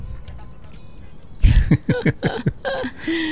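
Rhythmic cricket chirps pulse steadily in short high-pitched bursts, while a burst of louder talking or laughter breaks in midway and continues over the chirping.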